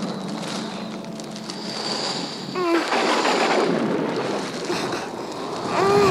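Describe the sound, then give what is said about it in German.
A stormy wind roars steadily through the reeds with low rumbling like thunder, swelling louder partway through and again at the end, while brief high whistling tones cut through the noise. “Das hört nicht auf. Das hört nicht auf. Oller Wind.”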